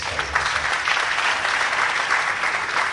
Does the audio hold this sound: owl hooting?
no